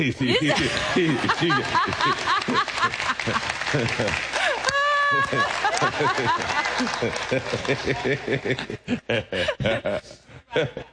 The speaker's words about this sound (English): You see, you got two claps.